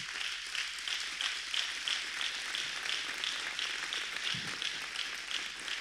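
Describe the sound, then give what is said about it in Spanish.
A church audience applauds to God steadily for the whole stretch, a dense, crackling wash of many hands clapping at an even level with no voices over it. “Después otro acuerdo es, aplauda a Dios si quiere.”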